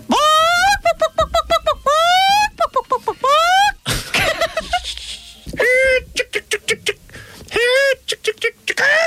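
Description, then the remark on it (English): A person does a loud, animated chicken call imitation: rapid clucks and rising squawks in bursts, with a short breathy break midway before more staccato clucking. “Your best chicken call, is he?”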